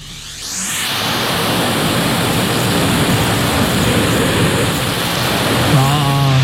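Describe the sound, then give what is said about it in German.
A vacuum cleaner sucks up confetti: the motor spins up within the first second into a loud, steady, hissing roar that holds throughout, with a low humming whine emerging near the end. “Und es ist nicht ein Konfetto, es sind tatsächlich mehrere Konfetti.”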